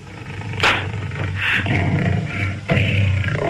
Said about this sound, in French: C'est un quoi? Un cochon.